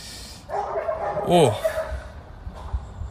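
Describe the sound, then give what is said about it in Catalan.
A dog at an animal shelter gives a single drawn-out, wavering bark that rises and falls in pitch, lasting over a second against a quiet background. “I bueno, el gos està aquí, està molt bé, i ara ja el coneixem bé, sabem com tractar-lo, però aquest gos pues, segurament no l'optarà mai.”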